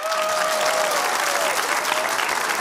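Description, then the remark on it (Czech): A live audience in Kaplice, South Bohemia, Czech Republic, at a Czech Radio event claps steadily and densely throughout, a loud, sustained wash of applause, with a faint whistle-like tone briefly audible early on. “Jsme v jižních Čechách a takhle vám tleská Kaplice.”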